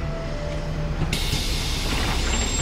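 A bus engine rumbles steadily, then a sudden loud hiss of air brakes bursts in about a second later and keeps sputtering over the low idle, with no voices.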